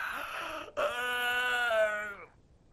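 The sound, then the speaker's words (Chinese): A man's voice imitates a yawn, acting out a character feigning yawns in a told story: a brief breathy intake, then one long drawn-out, moaning exhale that slowly falls in pitch and fades, loud, with no other sound. “把门关上，在里头插好了，假装的打了几个哈欠。”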